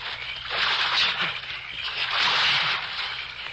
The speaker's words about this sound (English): All right. I'm going to let go of you here. Just drop down the water. Only a couple of feet.